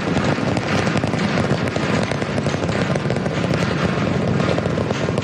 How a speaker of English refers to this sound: All right, we are T plus 30 seconds into flight. Seeing 33 out of 33 Raptor 3 engines on booster V3 ascending over the Gulf now, coming up on maximum aerodynamic pressure.